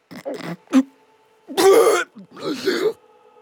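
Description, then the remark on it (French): A voice imitates an ogre's terrible hiccup: a loud, exaggerated hiccup-like sound, a few short throaty bursts followed by two longer rough, guttural gulps, with no words spoken. “Les petites ogresses dans son ventre, l'ogre a eu un hoquet terrible.”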